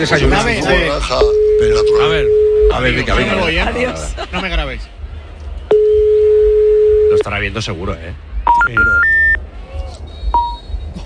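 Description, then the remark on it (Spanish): A call to a mobile phone rings out unanswered: two long, steady ringback tones, evenly spaced and clearly audible, with people talking over and between them, followed by a few short electronic beeps. “Paquito, contesta ya, hombre”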